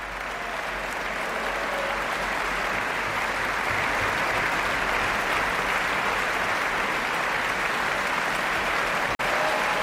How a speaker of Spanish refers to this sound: Estamos viendo cómo Josep Pons está indicando a los primeros atriles de las distintas familias de la Orquesta Nacional que se pongan en pie para recibir los aplausos del público.